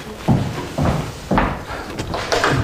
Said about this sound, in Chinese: 我去开门。